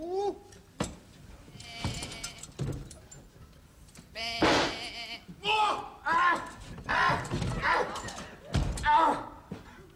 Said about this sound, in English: Now, normally a sheep is a placid, timid creature, but you've got a killer.